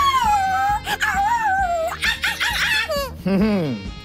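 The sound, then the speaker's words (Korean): The dog Heendungi, said to have eaten chocolate, whimpers and whines in a run of high, sliding cries that rise and fall, fairly loud, continuing with only brief breaks. “강아지에게는 소량의 초콜릿도 아주 치명적이야.”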